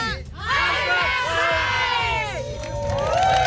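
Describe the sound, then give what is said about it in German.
A crowd in Heilberscheid, Westerwaldkreis, Rhineland-Palatinate, cheers and shouts loudly and continuously for their fire brigade, many high excited voices overlapping in a sustained roar of whoops and yells with no clear words. “Achtung, wird laut. Stimmt für unsere Feuerwehr!”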